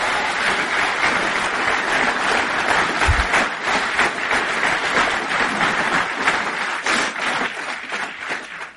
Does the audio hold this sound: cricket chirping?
no